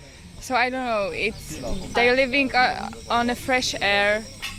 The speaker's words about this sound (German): Ich lausche auf dem Balkon meiner Lodge den Zikaden und lasse den Tag gemütlich ausklingen.